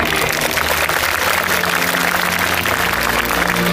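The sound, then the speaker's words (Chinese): A large crowd applauds steadily at the Tsinghua University graduation ceremony in June 2023, a dense, continuous wash of clapping that holds at a constant level for the whole stretch, with a faint low hum underneath and no voices. “掌声，祝贺各位同学。”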